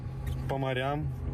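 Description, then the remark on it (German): A car engine idles with a steady low rumble throughout, its odometer reading 21, while a person's voice briefly speaks over it in the middle. “Mit diesem Auto werden wir über Berge und Meere fahren.”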